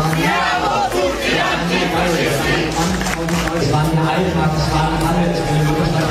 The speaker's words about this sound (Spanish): Son los gritos antifascistas de anoche en la puerta de Brandenburgo de Berlín, una concentración de pocos miles de personas.